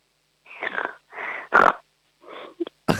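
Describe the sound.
A person imitates a piglet with a series of short, breathy grunts and snorts in uneven bursts, a few louder squealing snorts standing out, with no talking.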